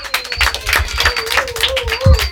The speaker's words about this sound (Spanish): ¡Un aplauso! ¡Un aplauso!